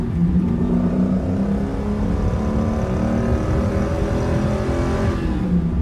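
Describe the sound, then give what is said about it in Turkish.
A car engine runs loud and steady with a deep throaty rumble throughout, its pitch lifting slightly as it revs toward the end. No one speaks. “Araban güzelmiş.”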